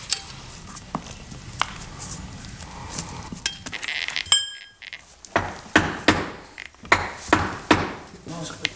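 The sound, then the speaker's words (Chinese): Sharp hammer blows strike brick, scattered at first and then coming in a quicker, steadier series of loud knocks with faint clinks of loosened masonry between them, as an archaeological team from the Shaanxi History Museum dismantles a brick wall on the west wall of a tomb chamber. “来自陕西历史博物馆的考古队拆除了位于墓室西壁的砖墙，等所有的文物都被清理干净后，这座墓葬将被回填，恢复耕种。”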